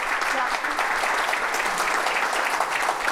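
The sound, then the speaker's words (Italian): Steady, dense applause from an audience fills the whole stretch, many hands clapping at once in a continuous, fairly loud wash with no pauses. “quindi insomma, quindi doppio applauso per te.”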